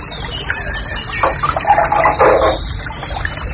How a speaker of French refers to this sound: Un truc très joli ça aussi, ça, c'est le rossignol et cascade. Oh, ça, ça donne envie de pisser ça.